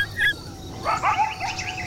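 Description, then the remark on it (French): Coyotes yip and howl together in a high, piercing chorus, sharp barks mixed with rising, wavering wails that overlap in a steady, busy stream with no one talking. “On dirait des aboiements, mais plus aigus et perçants que ceux du chien. C'est un véritable concert dedans.”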